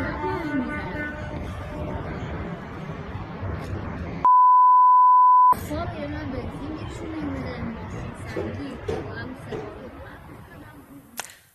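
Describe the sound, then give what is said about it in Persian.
Car horns honk as a number of drivers protest at a petrol station in Fardis, Alborz province, Iran, overlapping in a dense, continuous blare over crowd chatter, briefly cut by a steady high electronic beep before the honking and noise resume. “ویدیوی دیگری که به ایران اینترنشنال رسیده، بوق زدن اعتراضی شماری از رانندگان در یک پمپ بنزین در فردیس در استان البرز رو نشون میده.”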